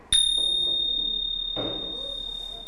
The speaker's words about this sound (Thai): เพราะฉะนั้นเราต้องรู้ด้วยว่าการตีฉิ่งที่ถูกต้องจะต้องตีแบบไหนให้มันเกิดเสียงที่เราต้องการนะคะอีกครั้งหนึ่งเด็กๆสังเกตดูนะ